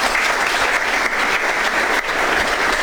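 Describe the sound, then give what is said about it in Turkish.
Steady, dense applause from an audience, many hands clapping at once in a continuous loud wash with no voices over it, holding for about three seconds. “Bir alkış buna da herhalde.”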